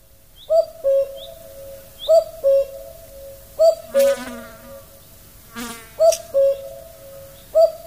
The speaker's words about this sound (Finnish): Käen ääni on tarpeeksi hempeä juuri näin heränneenä.